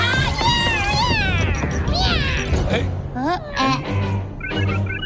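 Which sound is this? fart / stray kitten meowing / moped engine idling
stray kitten meowing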